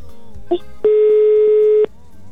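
A single steady telephone ringback tone, about a second long and fairly loud, sounds over a faint murmur of background noise, then cuts off abruptly.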